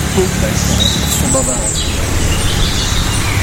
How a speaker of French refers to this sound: C'est très varié, c'est très... Oui, et puis, au début, je pensais que ça montait simplement, mais non, il y a des moments où il redescend. Oui, aussi. Oui, oui. Bon, on se contente de ça pour l'instant. Alors, c'est le rouge-gorge.